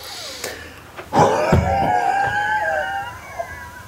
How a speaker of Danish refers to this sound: Ved du hvad, vi prøver at lave pusteprøve. Ja. Og så skal vi lige snakke om det. Ja. Dyb indånding.